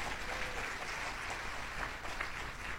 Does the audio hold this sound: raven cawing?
no